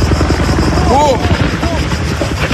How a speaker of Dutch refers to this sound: Dit was niet zo lang geleden in Frankrijk. Nee, in Griekenland. Twee helikopters gaan blussen. Maar ze letten niet goed op.